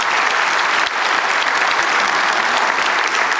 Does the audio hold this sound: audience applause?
yes